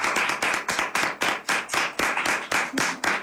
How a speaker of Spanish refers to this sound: Un aplauso, porque ha vuelto para la